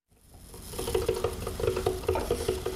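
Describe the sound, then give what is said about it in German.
A coffee machine runs with a steady hiss and rapid rhythmic pulsing, swelling in from quiet to a constant churn, with no voices. “Die Kaffeemaschine läuft, aber der Tag will nicht in Schwung kommen.”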